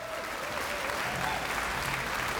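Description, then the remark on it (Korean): Sustained audience applause welcoming conductor Kim Jae-young, principal conductor of the Pyeongtaek Municipal Gugak Orchestra, a dense steady wash of clapping hands that holds at an even, fairly loud level throughout, with no one speaking over it. “네, 여러분 김재영 지휘자님을 큰 박수로 맞이해주시면 감사하겠습니다.”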